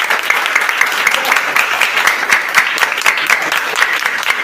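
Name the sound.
round of applause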